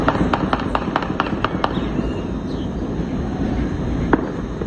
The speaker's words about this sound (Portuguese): Um dos relatos partiu desse morador ali da Avenida das Américas. Ele mandou um vídeo, inclusive. Vamos ouvir aí o som, né, desse tiro, tá atrapalhando e tá trazendo medo, né, para muitos moradores ali da região.